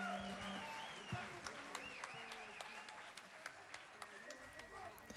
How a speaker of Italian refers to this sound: E si conclude tra gli applausi del pubblico radunato al Teatro Alighieri a Ravenna l'11 maggio dello scorso anno il concerto dell'… con speciale guest, dunque ospite speciale come il gruppo vocale …